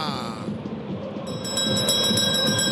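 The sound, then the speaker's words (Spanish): A bell is rung five minutes into the first half of a football match between Melgar and Alianza Lima. It starts partway through, struck rapidly in a bright, metallic, repeating clang that rises over a steady wash of crowd-like background noise. “Cinco minutos del primer tiempo y me olvidé, Sacristán, ¡tócame la campana!”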